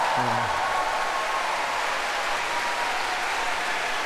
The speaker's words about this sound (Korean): 오늘 여러분들이 우레와 같은 박수를 쳐주셔서 앵콜 곡을 하려고 하는데요.